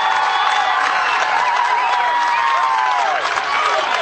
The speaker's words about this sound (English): The crowd again. Play the distraction and it's working.